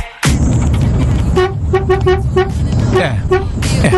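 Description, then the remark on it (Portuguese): A garbage truck's horn honks in a quick run of short, rhythmic toots, loud, over a steady low engine rumble with a burst of noise at the start. “Aí, cadê a buzina do velho do lixo, meu?”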